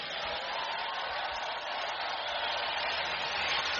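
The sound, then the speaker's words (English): A crowd gives Petr Pavel a long applause of greeting, a dense, hissing wash of many hands clapping that holds at an even, fairly strong level throughout with no voices over it. “After being greeted with a long applause, Petr Pavel said festivals such as Colors of Ostrava, the Karlovy Vary International Film Festival, and Slovakia's Pohoda offer something increasingly rare”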